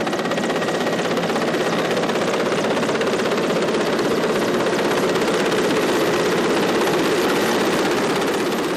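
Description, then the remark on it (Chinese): A helicopter with ropes and a hanging basket beneath it flies into the core disaster area at five in the afternoon, its rotor chopping in a rapid, steady beat over a loud engine roar that stays constant throughout, with no voices. “下午五点，直升机再次飞抵核心区。”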